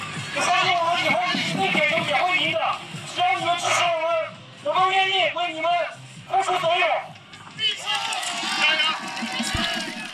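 A large crowd of football fans chants and cheers in rhythmic bursts, loud and sustained, with short dips between the shouted phrases before the roar swells again.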